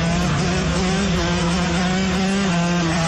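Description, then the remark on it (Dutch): A loud, steady engine drone with a buzzy, revving tone holds at a constant pitch throughout, from motorcyclists on dirt bikes speeding too hard along a through road at 11 at night, with no voices. “Ja, motorrijders die op de doorgaande weg en we even iets te hard doortrekken.”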